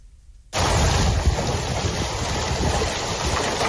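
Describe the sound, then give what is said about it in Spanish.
A heavy hailstorm in Nerpio, Albacete province, Castilla-La Mancha, Spain, under an orange weather warning, starts abruptly in the afternoon and keeps up a loud, dense, steady roar of countless hailstones pattering and rattling, with no voices present. “Ahora mismo se registran intensas granizadas en Castilla-La Mancha, la provincia de Albacete, donde hay aviso naranja.”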